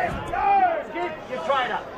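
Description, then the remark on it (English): A steady crowd murmur at a football match involving South Launceston, the crowd gathered in front of the can bar and in the grandstand, many overlapping voices blending into a continuous hubbub, with a few voices rising out of the mix. “You can hear the crowd. Good crowd in front of the can bar here.”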